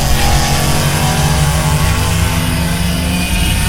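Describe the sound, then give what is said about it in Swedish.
A go-kart engine revs loudly and steadily in an advertisement for Motorstaden go-karting, its buzzing drone holding strong for a few seconds with no one speaking. “Go-kart, nöjet för alla.”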